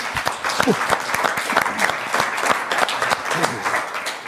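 An audience applauds steadily, many hands clapping in a dense, even patter that holds at a fairly loud level throughout, with faint murmurs of voices mixed in.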